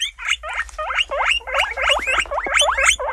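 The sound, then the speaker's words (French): A guinea pig squeaks continuously in a rapid series of rising, chirping calls, loud, with a low rumbling hum underneath and no talking. “Oh, il a trouvé le cochon d'Inde.”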